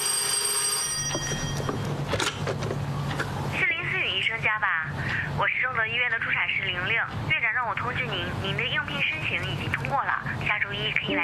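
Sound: telephone ringing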